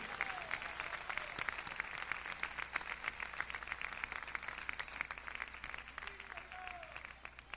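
An audience applauds steadily throughout, a dense, continuous wash of many hands clapping at an even level, with faint voices calling out now and then; the applause is offered to the Lord during a Christian sermon.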